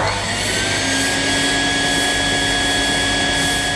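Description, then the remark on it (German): A neighbour's vacuum cleaner drones steadily shortly after seven o'clock, with a broad, whooshing motor roar and a few faint high whines, constant in level throughout with no talking. “Müsst ihr aber auch ein bisschen verstehen, weil wann soll man denn sonst heute staubsaugen? Später ist es dann viel zu heiß dafür. Deshalb schnell weitersaugen.”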